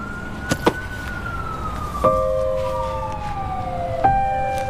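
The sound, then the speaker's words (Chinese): An ambulance being driven in, its siren wailing steadily with a sustained tone that slowly drifts lower, joined by a few sharp knocks, over a constant traffic rumble and no voices. “快，把救护车开进来！”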